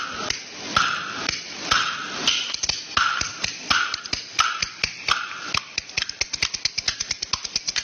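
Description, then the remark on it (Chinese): Bamboo clapper boards clack in a crisp rhythmic pattern, the sharp wooden hits growing faster and denser toward the end, played alone with no voices. “让观众朋友们看一下， 你来，你来， 同样是一副板， 嗯， 动静它不一样， 好， 是吧？”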